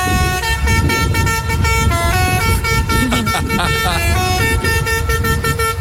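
A special horn on a volunteer fire station's fire truck blares out a bouncy children's tune, its sustained brassy notes stepping through a catchy repeating melody for several seconds over a low rumbling engine.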